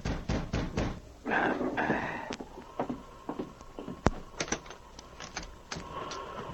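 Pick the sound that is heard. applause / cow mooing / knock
knock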